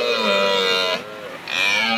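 A red deer stag bellows in the distance after dark in two long, hoarse, droning calls separated by a short pause, loud and rich in harmonics, with no talking.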